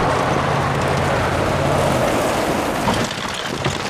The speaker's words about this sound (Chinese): 谁这么开车呀？哪儿来的司机？